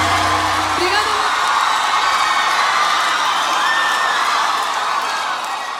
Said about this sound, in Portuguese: salva de palmas.